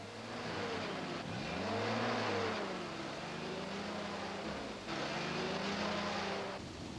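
A taxi from Ashinoko drives along with a steady engine hum, the pitch rising and falling as it changes speed, with continuous road noise and no talking.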